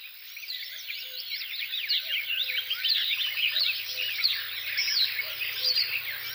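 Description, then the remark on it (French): A marsh warbler pours out a dense, rapid stream of chattering, buzzy song, while a cuckoo calls faintly and repeatedly underneath. No voices. “Coucou et Rousserolle vers de Rolle.”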